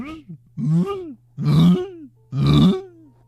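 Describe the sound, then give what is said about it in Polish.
A man's voice imitates the cooing of pigeons that sit on his balcony: three low, throaty, rolling coos, each rising and then sinking in pitch, separated by short pauses and growing slightly louder. “Taki gołąb, on też hałasuje.”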